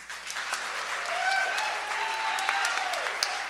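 A crowd at the Bitter Jester Music Festival applauds steadily for the event's hardworking crew, a dense wash of many hands clapping at once, with a few faint cheers and whistles rising through it before it begins to thin out at the end.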